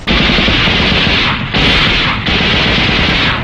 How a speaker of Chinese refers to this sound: 邓队长，你听，枪声，是李雄他们。